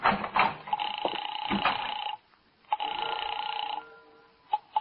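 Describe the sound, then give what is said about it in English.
A telephone rings over the line, thin and tinny, in two long bursts separated by a short silence, with some muffled background noise at the start. “It's ringing now.”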